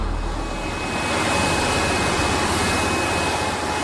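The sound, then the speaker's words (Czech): A tunnel vacuum cleaning train running with its suction lamellae extended while compressed air blows dust off the tunnel lining: a loud, steady roaring rush of air with a low rumble beneath and a thin, constant high whine on top, unbroken throughout. “Vysavač pozorujeme z řídící kabiny.”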